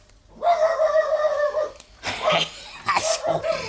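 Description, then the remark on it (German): A dog gives a long, drawn-out whining cry, then two rough, loud barks. Nobody is talking. “Ich warte, bis der Hund wieder bellt.”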